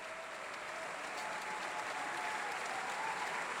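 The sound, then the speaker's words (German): A concert audience applauds conductor Robert Jintra and the Wiener Symphoniker as he comes on stage at a festival, a dense, steady wash of many hands clapping at an even, sustained level with no voices over it. “Das Publikum hat ihn gefeiert, nicht nur ihn allein, sondern natürlich auch die Wiener Symphoniker, die ja seit Jahrzehnten das Stammorchester dieses Festivals sind.”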